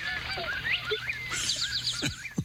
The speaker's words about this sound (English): My guess is a white-tailed hawk. I think you're exactly right.